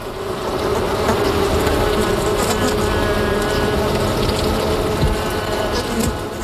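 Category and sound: insect, honeybees buzzing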